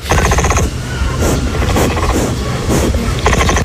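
An agitated capybara grunts in a rapid, continuous stream of low, rough pulses, loud and steady for several seconds, with a few brief harsher tonal bursts at the start and end.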